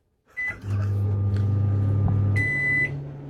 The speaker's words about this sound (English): so I have found something that is more official, a microwave. So we can set it for 30 seconds. I'm just going to set it for 2 seconds so you get an idea of how it will sound.